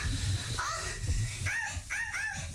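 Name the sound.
dog barking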